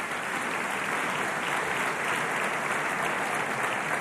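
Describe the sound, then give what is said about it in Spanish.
A crowd applauds steadily for about four seconds, a dense, even wash of clapping hands at constant loudness with no voices heard, applauding Deltel, who has a Festival prize this year. “Hasta dar un aplauso a Deltel que tiene un premio Festival este año.”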